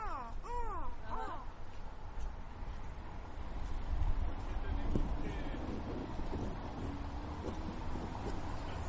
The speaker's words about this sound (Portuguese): Ó, o corvo.